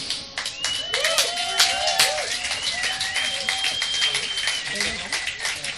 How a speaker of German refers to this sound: drum einen großen Applaus für die Bands und auch für diesen tollen Platz.